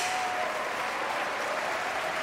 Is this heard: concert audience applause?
yes